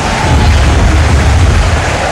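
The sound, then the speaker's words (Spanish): A huge crowd of Boca fans at La Bombonera stadium applauds and roars for Ecuadorian player Valencia coming on as a substitute, a dense, unbroken wash of clapping and cheering, loud and steady throughout, with a deep rumbling undertone and no individual voices standing out. “Qué aplausos para el ecuatoriano, ¿eh? Escucha, escucha cómo está la bombonera.”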